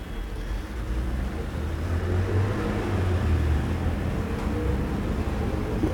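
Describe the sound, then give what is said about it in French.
Steady low street-traffic rumble on boulevard Saint-Germain, with a vehicle engine swelling louder midway as it passes, then easing back into the continuous background of cars; a red scooter and a green car pass. “Passe un scooter rouge, une voiture verte”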